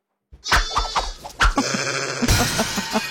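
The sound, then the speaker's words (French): A sheep bleats loudly, a wavering, drawn-out baa following a few short rustling sounds, then a second, rougher bleat trailing off. No one speaks. “C'est un mouton.”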